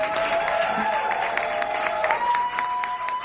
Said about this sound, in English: We're going to take a short moment to be thankful for Sumik and the wonderful work that they do. Please give a round of applause to Sumik.